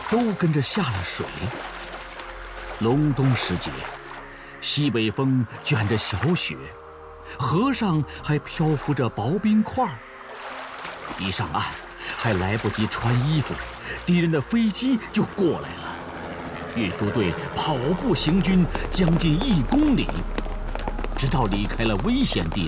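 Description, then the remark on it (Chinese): A transport team wades through a river about 20 meters wide in deep winter, carrying grain carts across for the front line, with thin ice floating on the river and light snow in a northwest wind; water sloshes and splashes steadily, with several voices calling and shouting over the churning water throughout. “都跟着下了水。”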